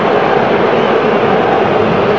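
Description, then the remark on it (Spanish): A stadium crowd at a football match involving Tigres boos loudly, heard through the W network broadcast: a dense, sustained roar of many voices that holds steady for a couple of seconds with no single voice standing out. “Usted escucha el abucheo a través de la gran cadena W.”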